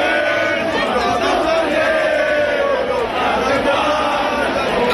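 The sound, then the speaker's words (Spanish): A large crowd, mostly young people, many with Francoist flags, sings the "Carro del Sol" together in loud unison at the Puerta del Sol after the 12 October parade, sustained melodic voices rising and falling steadily over a dense, continuous roar of many people. “Lo hicieron cantando el Carro del Sol.”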